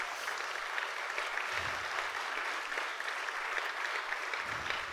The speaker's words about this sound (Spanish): Den un aplauso fuerte al que vive.